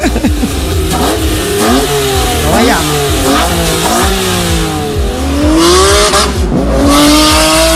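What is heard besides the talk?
vintage car engine revving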